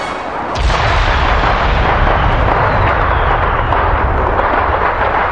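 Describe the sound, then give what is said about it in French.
A loud, dense barrage of fireworks explosions erupts after a brief quiet start, booming and crackling continuously, with no talking. “La fusée poursuit sa course en entraînant Shang Yu vers la tour des feux d'artifice.”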